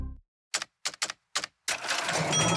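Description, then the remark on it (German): Four quick mechanical clacks, like register keys being punched, followed by a bright, sustained ring as a cash register drawer rings open with a ka-ching. No one speaks. “Katsching!”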